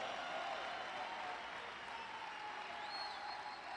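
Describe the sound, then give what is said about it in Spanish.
A large crowd claps steadily in a dense, continuous wash of applause, with occasional cheers and whoops rising above it, sustained throughout at a fairly loud level. “Aplauden, griten, celebran el poder de su palabra.”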